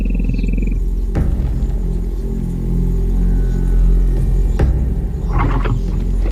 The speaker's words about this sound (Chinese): 是狮子，他们在寻找肉吃，任何猎物的肉越大越好。